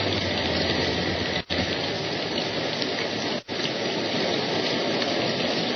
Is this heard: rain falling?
yes